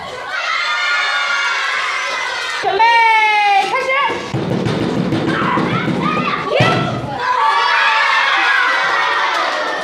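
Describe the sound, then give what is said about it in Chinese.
During a school break game, a teacher raps on a blackboard in a steady run of dull thumps like a drumbeat while children pass a flower hand to hand, a crowd of children shouting and cheering excitedly around it. “老师敲着黑板当鼓点，随着咚咚声响，孩子们的视线就紧随着那支花，你传我接。”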